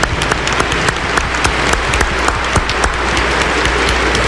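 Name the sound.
warm round of applause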